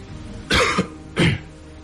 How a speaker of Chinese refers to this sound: 又咳嗽了一声，慢慢地点燃雪茄，神色平静。